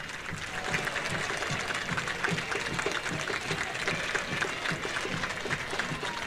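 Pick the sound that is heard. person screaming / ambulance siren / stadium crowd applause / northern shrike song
stadium crowd applause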